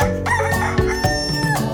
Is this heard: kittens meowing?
no